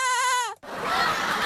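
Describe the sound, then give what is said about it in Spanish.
A voice imitates a goat with one short, quavering, loud bleat, which cuts off abruptly into a steady rush of breathy noise. “Y ojalá hacer el sonido de la cabra.”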